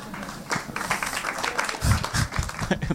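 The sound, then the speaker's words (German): Scattered applause from an audience at a live stage show, a steady patter of many hands clapping at moderate volume, with a few louder claps and no clear speech. “Weniger Applaus, so viele so, Moment mal.”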